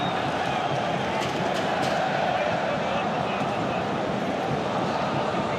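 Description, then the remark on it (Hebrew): A loud champion-team football crowd roars from the stands at a match involving Beer Sheva, in a steady, dense wall of cheering and chanting that holds at a constant high level throughout, with no single voice standing out. “תצוגה של קהל אלוף יש כאן ביציעים, באמת. רועש ורועש.”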